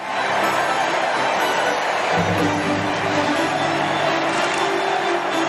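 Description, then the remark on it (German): A stadium crowd of 80,000 roars and applauds enthusiastically as a young nun tells of her religious awakening, a steady, dense wash of noise, loud and unbroken throughout, with scattered cheers and whoops rising from the mass of sound. “Eine junge Ordensschwester erzählt unter dem begeisterten Applaus der 80.000 von ihrem religiösen Erweckungserlebnis.”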